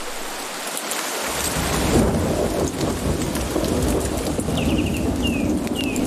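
Heavy rain from a thunderstorm sweeping through the jungle of Costa Rica pours down in a dense, steady hiss while deep thunder rumbles in after a moment and lingers; a few faint bird chirps come through near the end.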